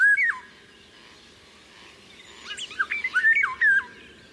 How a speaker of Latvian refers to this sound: Vālodzes dziesma ir ļoti skanīga, sastāv no strofām, kas atgādina flautas skaņas, un balsi var dzirdēt maijā. Angliskajā variantā šeit var saklausīt frāzi I can't hear you, kas nozīmē es nevaru tevi dzirdēt.